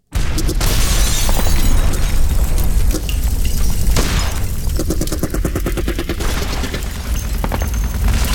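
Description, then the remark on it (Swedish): Loud, sustained barrage of gunfire with rapid cracking rifle shots and heavy booming explosions, continuous and chaotic throughout, with a brief rattling burst like automatic fire in the middle, waking Trotsky and Sedova at 4 a.m. on 24 May 1940. “Den 24 maj 1940 vaknar Trotskij och Sedova av explosioner och gevärseld.”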